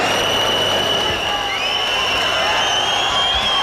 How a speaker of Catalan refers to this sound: Per cert, que fa una estona s'han sentit xiulets com aquests.